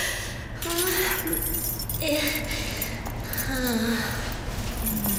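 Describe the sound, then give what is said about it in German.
Metallic jingling of a key being handled and looked at, a steady rustling clatter lasting several seconds, with muffled voice-like tones murmuring underneath. “Wenn ich mir den Schlüssel besehe, so sieht er eigentlich aus wie jeder andere.”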